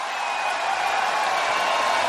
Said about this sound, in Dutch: Hij staat nog tussen het publiek zo te horen, hij hoort me niet.